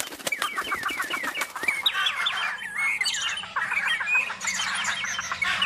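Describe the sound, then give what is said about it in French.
A dense chorus of many kinds of birds gathered together, squawking, chirping and clucking at once, overlapping calls filling the air continuously and fairly loud, with no one speaking. “La chouette lance une convocation. Et tous les oiseaux de la création se réunissent.”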